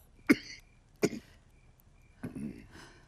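Three separate coughs from an elderly man who has been coughing all night, each a sharp, harsh burst with a short pause between, the last one a little longer and rougher, with no talking around them.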